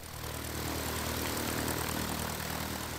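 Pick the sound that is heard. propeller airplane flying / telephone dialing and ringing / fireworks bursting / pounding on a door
propeller airplane flying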